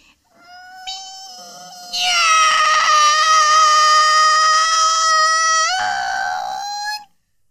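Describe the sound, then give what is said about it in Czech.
A human voice imitates a cat with one long, drawn-out meow while demonstrating how to meow with knees bent, starting softer, then swelling into a loud, high, wavering wail for several seconds before cutting off. “Tak, kolínka pokrčená a už mňoukám.”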